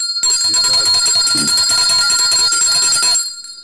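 A loud bell rings continuously for about three seconds, a bright, sustained metallic clang that stops abruptly, with no voices present.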